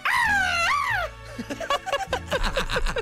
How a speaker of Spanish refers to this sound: ¡Ah! ¡Caray! A ver, otra vez ese grito de mariachi.